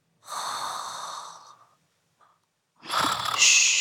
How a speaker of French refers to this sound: Tu entends ? Tout doux ronfle.